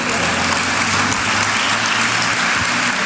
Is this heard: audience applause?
yes